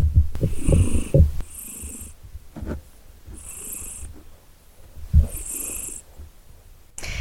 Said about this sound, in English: Debo's back in with me at the moment. Debo the cat. If you couldn't tell, I'd be quite surprised if a dog started doing that.